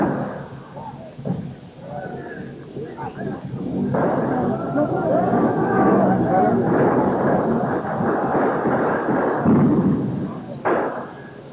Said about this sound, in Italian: È stata lanciata una molotov. Ecco i colpi di arma da fuoco. Sentite. Hanno sparato. Ecco che sparano. Sentite il panico. Sentite.